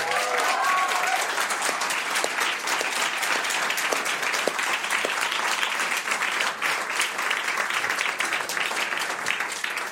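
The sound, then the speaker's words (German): Sustained audience applause welcoming a guest cellist and singer-songwriter fills the whole stretch, a dense, steady patter of many hands clapping, with a brief voice or whistle-like tone faintly audible near the start. “großen Applaus, schön, dass du da bist.”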